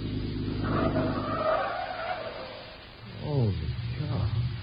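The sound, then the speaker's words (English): A car engine roars at speed, then tires squeal in a rising, wavering skid as the vehicle swerves around a curve, loud throughout. “I'll take the last curve and a straightaway.”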